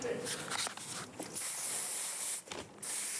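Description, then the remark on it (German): An aerosol spray can hisses in two long, steady bursts separated by a brief pause, after some faint shuffling and rattling at the start. “Lackstifte und Spraydosen wurden erst später erfunden.”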